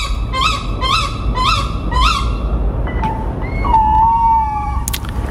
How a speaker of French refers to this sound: Alors, on entend le petit, puis après on entend l'adulte de la chouette.